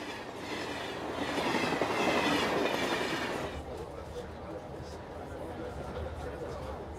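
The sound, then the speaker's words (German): A train rumbles along Africa's oldest railway line, near the pyramids in Egypt, its broad roar swelling louder over the first few seconds, then settling into a steadier, quieter rolling clatter, with muffled voices underneath. “Vielleicht wird ja die älteste Bahnstrecke Afrikas auch wegen ihrer Nähe zu den Pyramiden Eisenbahn der Pharaonen genannt.”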